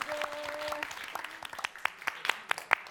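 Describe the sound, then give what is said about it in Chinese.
An audience at a singing competition claps in a sustained burst of applause for a departing singer, dense at first and thinning into scattered, sharper individual claps toward the end; a brief tonal hum sits under the opening moment. “祝贺…第一个进入最终的歌王人选的范围，也把掌声送给…，谢谢…这一季带来的精彩的演唱。”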